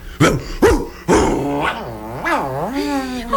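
A dog gives two quick, sharp barks, then lets out a long, wavering growl that rises and falls in pitch for a few seconds.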